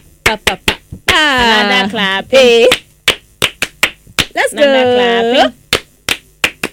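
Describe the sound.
Sharp, close hand claps in a loose, steady rhythm, broken up by two long voiced shouts or cheers from the group before the clapping picks back up.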